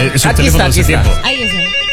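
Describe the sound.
A person vocally imitates the ring of an old Ericsson rotary dial telephone, a warbling trill lasting about a second, followed by a softer, wavering tail of voice.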